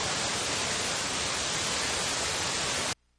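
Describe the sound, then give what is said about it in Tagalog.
Strong rushing floodwater after heavy rain roars steadily as a dense, unbroken, loud wash of noise, with no voices, then cuts off abruptly just before the end. “Oh, puti kusugag yung tubig.”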